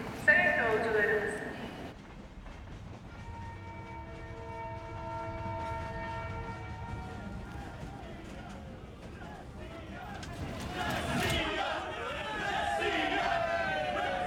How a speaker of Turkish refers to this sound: Dışarısı çok gürültü. Burası müsait mi? Hepsi müsait. Trende taraftarlar olması çok kötü.